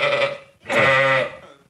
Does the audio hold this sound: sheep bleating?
yes